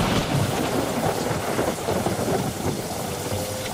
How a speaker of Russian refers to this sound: Трах-тах-тах-тах! Явственно отчеканивал гром, катился по небу, спотыкался и где-нибудь у передних вазов или далеко сзади сваливался со злобным отрывистым трах.